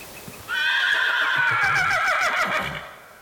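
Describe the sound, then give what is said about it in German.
A horse whinnies loudly, one long shrill neigh lasting about two seconds that wavers and trembles before tapering off, with no talking. “Und so müssen wir jetzt einfach noch ein bisschen weitergehen, bis wir einen vernünftigen Platz für die Pferde haben.”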